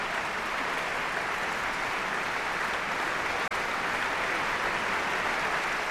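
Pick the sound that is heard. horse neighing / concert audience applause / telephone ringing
concert audience applause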